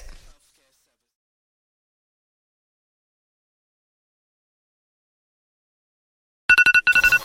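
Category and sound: signal or alarm, phone ringtone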